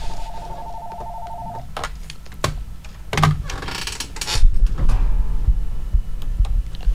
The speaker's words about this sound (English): Oh, we have a phone call coming in here. Let's see who it is.